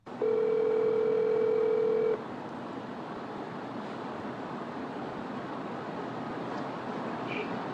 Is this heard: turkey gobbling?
no